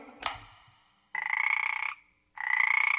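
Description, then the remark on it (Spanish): A toad croaks in two long, buzzing trills, each lasting under a second with a short pause between, loud, after a brief knock at the start. “¿Alguna vez has besado un sapo?”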